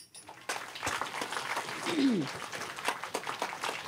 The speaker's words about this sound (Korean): 박수.